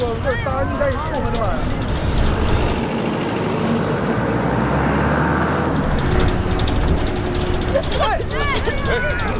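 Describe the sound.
A route 3 city bus's engine rumbles steadily throughout as it drives and brakes, with a brief squealing, wavering tone near the start and end and muffled voices underneath.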